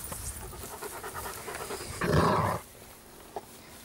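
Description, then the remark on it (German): Dog sounds: steady rhythmic panting, then a brief, louder growl lasting about half a second as a dog growls back at the growling puppy Noran, before things quiet down, with one small sound afterward. “Ja, wenn man knurrt, dann wird zurückgeknurrt, Noran.”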